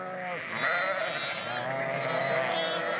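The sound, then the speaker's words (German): Sheep bleat continuously near the end of lambing season, several overlapping wavering cries forming a steady, fairly loud chorus with no talking. “Stehen die Schafe erst einmal auf dem Deich, können Henning und Wilhelm mal wieder eine Nacht durchschlafen.”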